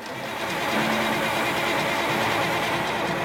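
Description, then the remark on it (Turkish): The heavy Cummins diesel engine of a 1983 White truck cranks with a loud, steady, rhythmic churning that continues throughout, with no voices. “1983 model White tır yarın muayeneye girecek. Ama Cummins Diesel hala naz yapıyor.”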